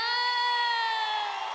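A crowd cheers and shrieks in one loud, sustained burst of high-pitched voices that holds steady throughout before easing off slightly at the end.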